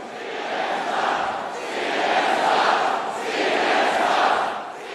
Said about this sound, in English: At this rally in 2017, the crowds are chanting, CNN sucks.